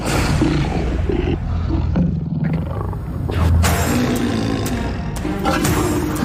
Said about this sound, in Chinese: 我们可能在最危险的地方了，身边一群雄狮正准备进食。